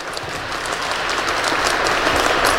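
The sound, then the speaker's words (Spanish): A church audience claps steadily in thanks to Father Andrés, who led the parish, the dense patter of many hands building slightly louder over a few seconds with no voices on top. “Gracias al padre Andrés por su carisma y un aplauso grande para él.”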